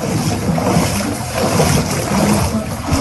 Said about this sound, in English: There is a constant hum of dehumidifiers at work in the Yorktown Public Library.